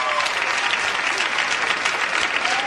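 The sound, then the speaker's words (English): Sustained applause from a sizable crowd of women who have been bridesmaids at someone's wedding, dense and steady for a few seconds with no pauses. “Out of curiosity here, how many women here have been the bridesmaid at someone's wedding? Clap, you've been the bridesmaid.”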